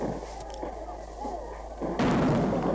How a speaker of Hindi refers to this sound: दुश्मनों पर तोपों की बारिश करो।